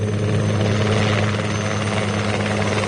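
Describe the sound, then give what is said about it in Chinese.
A low-flying agricultural propeller plane's engine drones loud and steady in a mountain valley, a continuous deep throbbing hum with a rushing wash of noise above it and no voices. “山谷中，黑豹乘坐的农用飞机正在低空的飞行。”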